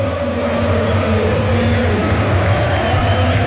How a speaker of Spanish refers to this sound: Mira cómo canta la gente, sube el volumen